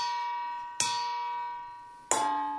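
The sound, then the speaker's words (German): A long wooden spoon strikes a metal colander twice, about a second apart, imitating church bells calling to mass, each hit leaving a long, bell-like metallic ring that slowly fades. No one speaks. “schlägt konzentriert mit einem langen Holzlöffel auf ein Nudelsieb.”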